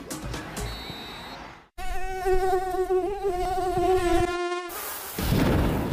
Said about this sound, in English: Moisture. Heat. Mosquitoes. Dengue fever.